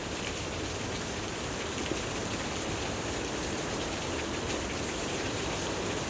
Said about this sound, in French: Et le son presque guttural d'une cascade balayée par le vent retentit.